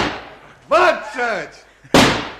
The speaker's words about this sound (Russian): 20! 21! 21 залп! Салют нации!